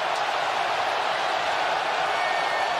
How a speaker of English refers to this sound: Listen to the crowd. What a journey it has been from Promise David. 50,000+ Canadians just erupting in their red jerseys.